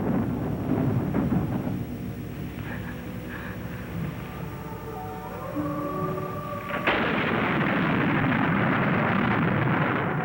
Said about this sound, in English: Look, it's raining. It's raining at last.